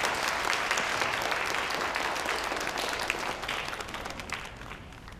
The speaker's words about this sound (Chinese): 来，大家鼓掌。